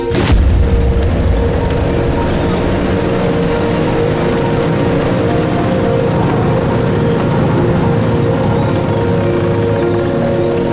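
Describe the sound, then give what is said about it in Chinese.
A convoy of motorcycles of a headquarters special-agent squad roars by with a loud, continuous engine drone, several motors blending into one steady rumble, with no voices. “这摩托车队很威风嘛，看着镇长是一点没把兄弟你放在眼里啊。”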